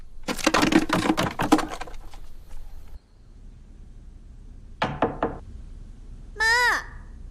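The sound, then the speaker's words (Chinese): A rapid burst of firm knocks on a door as someone calls for their mother to open it, then a pause and a second shorter flurry of knocking, followed by a brief voice-like wavering sound at the end. “把门开开，妈，我有事儿跟你说，你快把门开开。”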